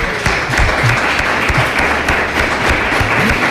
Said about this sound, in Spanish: Pues o sea, vamos a aplaudirle, hombre, entonces.